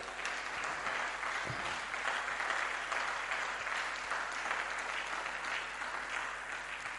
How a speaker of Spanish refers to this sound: ¿Hay alguien nuevo en medio de nosotros esta mañana? Gloria a Dios. Seguir aplaudiendo.